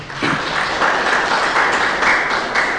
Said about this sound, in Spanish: Vamos a darle un fuerte aplauso al Señor y a su palabra.